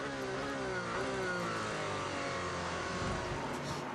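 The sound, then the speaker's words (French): A race car engine roars continuously, heard from onboard the Alpine number 35 at Spa as the FIA World Endurance Championship race is restarted. Its harmonic whine climbs and shifts with gear changes, loud and dense with road and wind rumble underneath, no voices. “On est à bord de l'Alpine numéro 35 qui joue toujours la victoire.”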